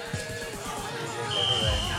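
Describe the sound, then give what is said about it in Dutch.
The official departure whistle of a train conductor sounds in the second half as a single shrill, steady high note, held to the end over murmuring voices and crowd noise. “Het is waarschijnlijk de officiële fluit.”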